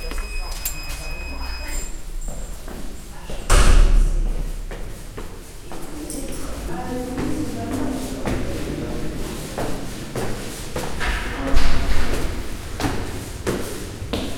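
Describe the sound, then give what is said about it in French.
A door being opened and closed, with rattling, scraping handling noises throughout and two heavy thuds, one early and one near the end, over faint background voices. “La porte est ouverte.”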